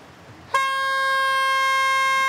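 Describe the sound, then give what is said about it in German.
A loud, sustained warning horn blast at a military ordnance disposal site where a ground fuze was found starts abruptly and holds a steady, harmonically rich tone to the end, like a siren-horn, with no voices. “Tröte? Tröte?”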